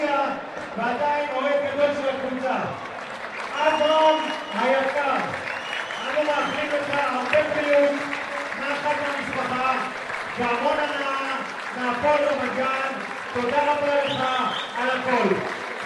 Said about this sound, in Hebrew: עכשיו הוא ירד לכל תשועות אוהדי הפועל רמת גן, גם אוהדי בית"ר ירושלים מכבדים ומוחאים כאן כפיים, שחקן העבר של הפועל רמת גן.